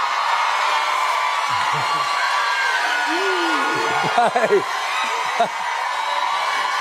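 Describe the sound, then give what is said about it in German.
A steady wash of shrill, excited screaming like girl fans, apparently imitated, fills the whole stretch, with a few louder whooping yells rising and falling near the middle. “When you close your eyes, do you hear the girls screaming?”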